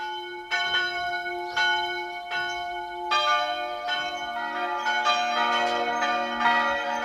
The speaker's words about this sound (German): Es ist 12 Uhr, Sie hören die Glocken der Pfarrkirche von Mariasdorf im Burgenland.